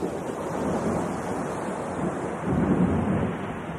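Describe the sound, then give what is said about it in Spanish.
A very strong storm on a lake: a stormy roar of wind and churning surf with giant waves, a continuous heavy rumble that swells louder toward the end as the waves crash. “dentro de una barca cruzando un lago cuando de pronto se levantó una tormenta muy fuerte.”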